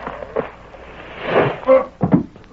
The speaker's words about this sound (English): Somebody fell down from overhead. I seen him. It was one of them boards stretched between the rafters, and it broke with his weight.